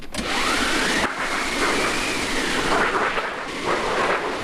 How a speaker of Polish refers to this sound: Jesteśmy na scenie. Jeżeli przychodzą wycieczki, to właśnie jedną z atrakcji jest maszyna do wiatru.